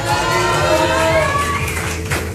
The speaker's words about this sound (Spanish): Y por supuesto también el obsequio para nuestro segundo lugar. Oigan, fuerte el aplauso.